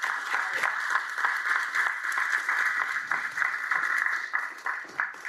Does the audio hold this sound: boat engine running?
no